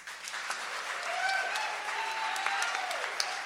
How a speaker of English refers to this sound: but I am one of many, many, many dozens of people who make this event possible, and I would really appreciate it if you all joined me in giving a round of applause to our hardworking crew.